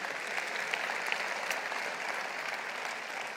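A church audience applauding the Lord after a Bible story, a steady dense wash of many hands clapping at once, sustained and fairly loud with no pause throughout.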